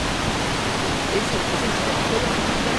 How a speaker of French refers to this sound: Alors si on va un peu plus loin, il y a un saut, une cascade, enfin une sorte de... C'est super beau, hein.